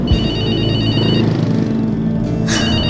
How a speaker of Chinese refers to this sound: 又是陌生号码，最近怎么那么多广告电话，烦不烦啊？